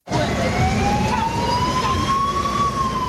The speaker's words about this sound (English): A UN escort vehicle clears the way in Central African Republic for a bus of migrants deported from the United States.